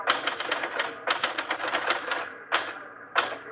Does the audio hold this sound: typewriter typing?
yes